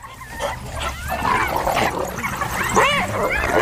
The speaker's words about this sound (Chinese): 又来了一只斑鬣狗。